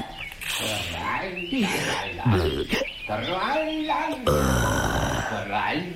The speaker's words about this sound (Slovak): Ale čo to počujem? Spievajúce prasa.